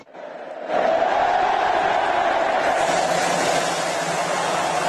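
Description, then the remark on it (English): A massive crowd of about 2 million roars into sustained cheering after a brief quiet start, a dense, loud wall of voices that swells suddenly and holds steady throughout, greeting the champion team at an open-top bus victory parade in Madrid, the city awash in red and yellow. “And a far more jubilant 2 million-strong crowd greeted the champions in Madrid.”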